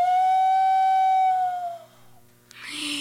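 A clay Aztec death whistle, the common Llorona wailing whistle used for Halloween, lets out a long, steady wailing tone that sags and fades, then bursts into a harsh, breathy shriek. Loud, with no talking.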